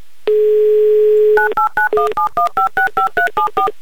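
During an MRFM radio broadcast, a steady dial tone sounds for about a second, then a quick run of a dozen touch-tone beeps as a phone number in Samara is punched in, each short dual-pitched tone evenly spaced and clearly audible.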